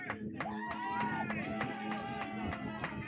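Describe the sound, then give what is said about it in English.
A baseball crowd in the cheering section behind home plate cheers steadily, with sharp rhythmic claps or bangs repeating about three times a second over a blended roar of voices. “The cheering section behind home plate ramps up.”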